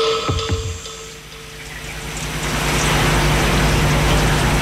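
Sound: rain falling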